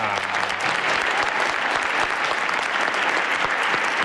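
A crowd claps loudly and steadily, a dense wash of many hands applauding for the full few seconds, with no voices rising above it; an audience in the plaza of the radio show Hoy por Hoy applauding a band on stage.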